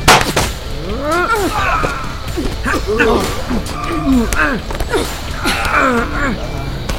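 Several sharp pistol shots crack out in an irregular sequence, mixed with loud, wavering shouts and yells that continue throughout.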